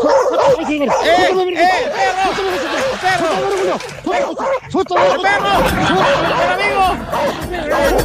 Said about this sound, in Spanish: ¡El perro! De nuevo pasando por ahí, amigo.